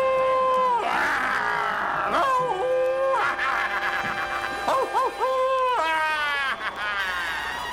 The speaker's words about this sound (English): A huge creature, half wolf, half man. Its long, sharp teeth flashing in the twilight as wild howls and half-crazy screams pour down in a torrent of rage over the petrified crowd below.